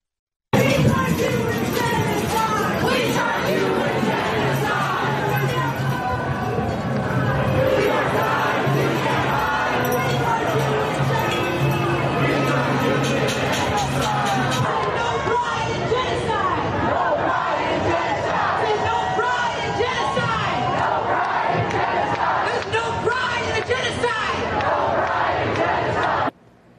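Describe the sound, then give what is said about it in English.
A large protest crowd yells and screams about genocide in a dense, continuous roar, with overlapping raised voices and rhythmic chant-like surges that stay loud for the whole stretch. “We have people yelling and screaming about genocide, and they have absolutely no idea what they're talking about.”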